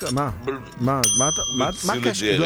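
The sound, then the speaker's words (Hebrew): A single bright bell ding rings out sharply and hangs for under a second, sounding over continuous talking voices. “מה עכשיו לגנוב עוד צלצול?”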